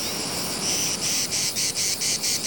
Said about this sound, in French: le chant de la cigale incite les autres mâles à chanter aussi. Tous ensemble, ils ont plus de chances de capter l'attention des femelles qui se trouvent loin.